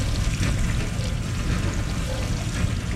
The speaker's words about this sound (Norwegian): Dette en åpen oppvaskmaskin. Ja, vi inne I oppvaskmaskinen.